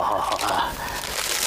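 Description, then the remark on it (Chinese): Paper crinkles and rustles steadily for a moment, a dry, papery handling sound with soft crumpling textures and no voices, as a paper public notice that has just been fetched is handled. “先生，先生，先生，哎，您要的告示我又给您接来了。”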